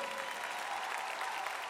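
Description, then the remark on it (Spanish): Steady applause from a crowd for an orchestra conducted by maestro Nando Hernández, a dense, continuous patter of many hands clapping at an even level throughout, with no voices standing out. “Un fuerte aplauso para esta orquesta, por favor.”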